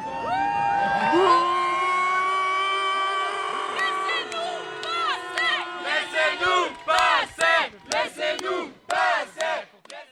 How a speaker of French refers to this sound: ce que la police a stoppé en s'attirant au passage les critiques de la foule.